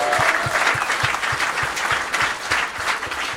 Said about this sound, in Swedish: Det tycker jag, och det finns absolut ingenting som är kontroversiellt, så det är applåd för.